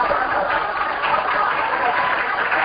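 An audience applauds, many hands clapping in a dense, steady wash of sound that holds at an even, fairly loud level for a few seconds with no voices over it.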